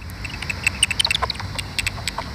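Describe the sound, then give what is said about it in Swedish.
Rapid series of dry clicks and wet smacking pops from a bat detector turning high-frequency common pipistrelle echolocation calls into audible sound, among tree crowns in the evening, irregular in rhythm with a few louder bursts over a faint hiss. “får utslag på detektorn som översätter djurens högfrekventa läten till ljud som vi kan höra.”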